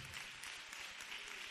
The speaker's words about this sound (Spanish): Fuerte ese aplauso al rey. De corazón, dele ese aplauso al Señor.